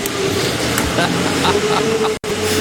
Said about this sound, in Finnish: Traktori, ei vittu.